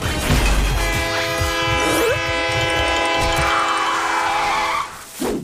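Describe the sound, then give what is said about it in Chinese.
A car horn is sounded at a charging bear, blaring loudly and steadily for several seconds, its layered tones held at full strength before cutting off near the end, with rumbling and clattering underneath. “我就知道他肯定怕喇叭声。”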